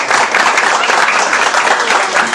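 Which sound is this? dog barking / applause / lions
applause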